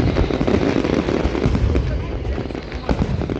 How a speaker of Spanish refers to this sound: Y no nos olvidamos que la que acaba de pasar ha sido también en Oviedo, en San Mateo, la noche de los fuegos artificiales.